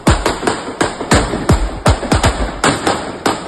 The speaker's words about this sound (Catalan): Això són els trets.